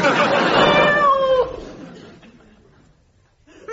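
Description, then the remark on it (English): A cat gives one loud, drawn-out meow, its pitch wavering before it breaks off, followed by near silence with only faint background noise. “We get members of the public to do silly things, and unbeknown to them, they're being watched by a cat.”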